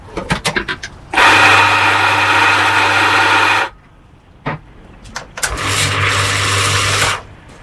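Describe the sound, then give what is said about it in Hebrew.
A café-style espresso machine used by a barista making coffee: a few sharp clicks, then two loud, sustained whirring-hiss bursts with a low motor hum, separated by brief clattering, with no talking. “זה רעש עליהם מכונת קפה, כמו בבתי קפה.”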